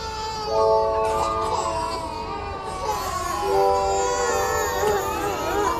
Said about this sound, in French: Et... les bébés pleuraient tous dans la pouponnière.